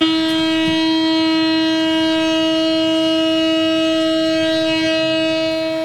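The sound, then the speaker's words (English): A loud, steady one-minute memorial siren in Tel Aviv, Israel, marking the third anniversary of the October 7th attacks, holds a single sustained wail with rich harmonics, droning continuously without rising or falling, with faint city background rumble underneath. “In Tel Aviv, a one-minute siren sounded to mark the somber anniversary.”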